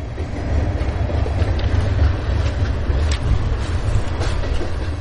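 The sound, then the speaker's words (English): At night, freight trains roll slowly past on a railroad track beside an industrial lot, a steady low rumble with faint intermittent clanks and squeaks from the cars, continuous throughout with no voices. “Freight trains amble past at a crawl.”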